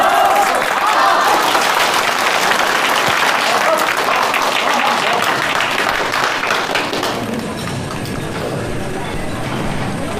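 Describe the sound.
A crowd breaks into sustained applause as a colleague is invited to speak, dense rapid clapping that stays loud throughout and thins slightly toward the end, with a few voices faintly audible beneath it.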